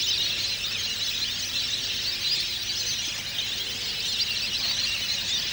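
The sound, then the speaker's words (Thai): A flock of whistling ducks calls in the daytime on a small, quiet pond inside Kasetsart University's Kamphaeng Saen campus, a dense, unbroken chorus of high squeaky whistles holding a steady loudness throughout, with no voices. “นกเป็ดน้ำจะเลือกบึงน้ำที่ปลอดภัยสำหรับพักผ่อนในตอนกลางวันและบินออกไปหากินตามทุ่งนาในตอนกลางคืนบึงน้ำเล็กๆที่สงบเงียบภายในมหาวิทยาลัยเกษตรศาสตร์วิทยาเขตกำแพงแสนแห่งนี้จึงเต็มไปด้วยนกเป็ดน้ำนานาชนิดในตอนกลางวัน”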